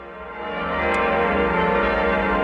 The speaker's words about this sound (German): Die Glocken verkünden es. Das Bistum Eichstätt hat einen neuen Bischof.